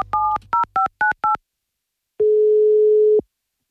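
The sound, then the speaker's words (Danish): On the Radio Nord morning radio show, a quick run of about six telephone keypad beeps as a call is dialled, then a pause and a steady telephone tone lasting about a second, with no voices. “Og nu, mine damer og herrer, så skal vi lige have fundet telefonen frem her.”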